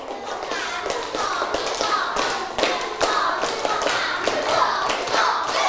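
A group of students claps together in a stepped pattern: many overlapping hand claps, with sharper, louder accents standing out every half second or so over a busy patter.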